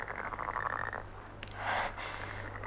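A frog croaks near a pond, a low throaty rasp that drags on for about a second, then a louder, breathier croak follows after a short pause, with no one talking.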